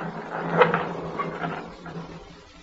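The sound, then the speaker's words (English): A gate swings open with a wooden clack and rattle, followed by a rough, creaking scrape that gradually fades out. No one speaks. “Very well. I will open the gate.”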